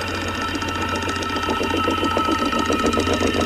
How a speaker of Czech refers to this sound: A jo, je to datel. A ťuká si do rytmu Rádia 1.